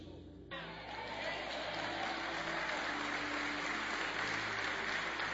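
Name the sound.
audience applauding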